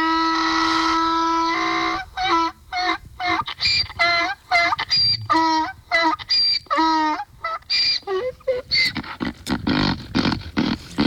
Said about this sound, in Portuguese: Se não acordou com meu jumento, com as minhas galinhas, cadê meu jumentinho? Vai acordar agora com o jumentinho.